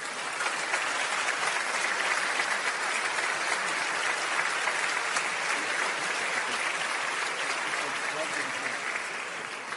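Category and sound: crowd, warm applause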